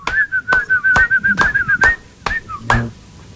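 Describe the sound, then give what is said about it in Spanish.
A person whistles a quick, warbling tune while clapping along in a steady beat, about seven sharp claps at an even pace, fairly loud, with no talking. “Silbando y aplaudiendo”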